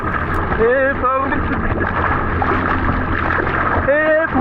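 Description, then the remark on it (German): A swimmer in distress in the Baltic Sea off Warnemünde, during a water rescue training exercise, calls out in short, strained rising cries over a constant rush of water and wind that masks any individual splashes. “So könnte es klingen, wenn ein Schwimmer in der Ostsee vor Warnemünde in Not gerät.”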